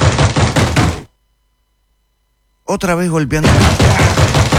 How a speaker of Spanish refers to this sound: Otra vez golpeándome la puerta.